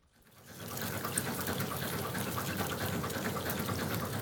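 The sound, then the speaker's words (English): Fast-flowing water of the Upper Danube in the mountains rushes in a steady, dense roar that fades in over the first half second and then holds constant, with no voices. “This is where the river is at its fastest as it tumbles through the mountains, and there are 59 dams on just the first 1,000 kilometres of the river.”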